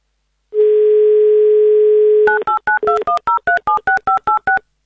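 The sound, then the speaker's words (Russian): A steady dial tone holds for about two seconds, then a quick run of about twelve evenly spaced two-tone keypad beeps as a phone number is dialed on Avtoradio. No voices. “Так, номер набран.”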